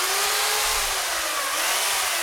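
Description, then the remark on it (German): A chainsaw roars steadily and loudly as a sculptor in full protective gear cuts into a linden tree trunk in her workshop at the edge of the village of Grazhofen, its engine pitch wavering slightly under a dense, gritty buzz of sawing, with no voices. “Mit der Kettensäge schneidet die Bildhauerin einen Lindenbaum in voller Montur.”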